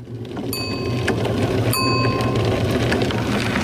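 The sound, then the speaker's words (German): A bicycle-style bell rings twice, bright and metallic, over a steady low electric whirring and a constant hiss of rolling noise, as one of the red electric rickshaws of the Radeln ohne Alter project moves along in Braunschweig. “Ein leises Surren, dazu ein Klingeln. Dann ist oft eine der roten Rikschas von Radeln ohne Alter unterwegs.”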